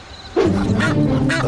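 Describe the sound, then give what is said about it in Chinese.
A goose honks loudly: one drawn-out, nasal, harsh call that starts abruptly and holds for about a second, with no talking around it. “鹅也不错”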